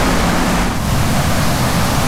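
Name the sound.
rushing stream water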